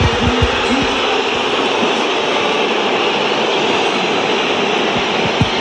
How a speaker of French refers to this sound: Voilà. La cote de popularité de Benjamin Pavard au Vélodrome en un son. Celui des sifflets.